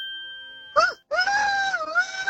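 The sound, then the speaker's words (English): Someone does a vocal rooster impression: a short, sharp yelp, a brief break, then a long, strained, wavering crow held to the end. A faint steady tone hums before it starts. “Oh, beautiful rooster. Rooster, that is a good one”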